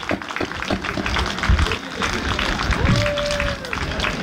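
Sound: audience round of applause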